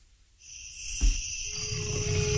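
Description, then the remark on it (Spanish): A deep, rumbling jaguar roar rises out of a night jungle backdrop of steady, shrill insect chirring, starting with a low thud and growling on to the end. “en la penumbra de la noche, su rugido resuena en el tiempo. La huella del jaguar.”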